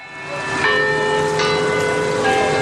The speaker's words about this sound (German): Das Glockenspiel im Turm des Kopenhagener Rathauses. Für Einwohner und Touristen gleichermaßen ein ikonischer Klang.